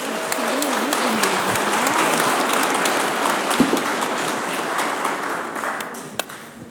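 An audience applauds steadily for several seconds, a dense, even wash of clapping with a few sharper claps standing out and a brief vocal whoop early on.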